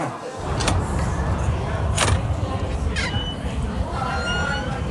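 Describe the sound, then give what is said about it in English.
A door is opened amid a steady background rumble, with a few sharp clicks and rattles from the latch and hinges spread across the moment. “You're leaving that door open.”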